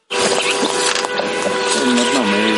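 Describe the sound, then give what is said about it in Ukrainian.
An enemy drone buzzes steadily in the sky over a deserted, war-damaged village, a continuous droning hum with a tonal whine that bends and shifts in pitch toward the end, over a rough wash of background noise. “У небі дзижить ворожий безпілотник.”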